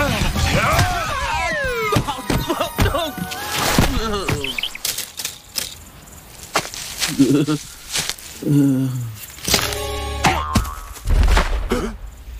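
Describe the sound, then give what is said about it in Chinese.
Sharp cartoon punch whacks land as a cartoon bear throws a punch, amid a flurry of quick impact bursts and swishes, with excited voices and squeaky vocal sounds mixed throughout. “我们是熊， 吃我一拳！”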